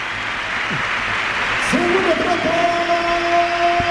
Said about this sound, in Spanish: Aplausos y ovación que se espera. Se retira el capitán, se retira el 10. Yago Aspas, entra en su lugar John Selab del Awi, así responde Balaidos.